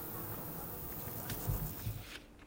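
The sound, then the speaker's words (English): Bumblebees buzz softly among planted lavender outdoors, a low, steady drone with faint rustling and a few soft bumps, quiet against a gentle open-air background. “All this lavender smell and all this bars of bumblebee makes me very peaceful and happy.”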